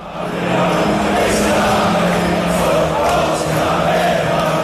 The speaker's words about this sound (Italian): Prima della partita contro la Croazia a Dallas, in uno dei luoghi di incontro sportivi più famosi della città, i tifosi inglesi hanno ancora intonato questo coro.